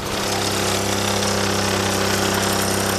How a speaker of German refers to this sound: Also, ich muss einfach den Motor runterlassen, Gas geben, den Dekompressor hier drücken, Anlauf nehmen und dann geht's los.